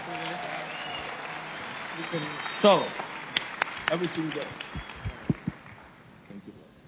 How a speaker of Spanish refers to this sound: Así que damos un aplauso fuerte.